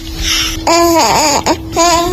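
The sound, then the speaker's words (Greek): A high-pitched voice imitates a baby's babbling to give New Year wishes in baby talk, with wordless wavering coos and gliding pitch in a few short bursts, fairly loud. “πρέπει να στείλουμε κάτι ευχές, αλλά πρέπει να τα πεις και στα μορουδίστικα, μήπως ακούει κάποιο μωρό.”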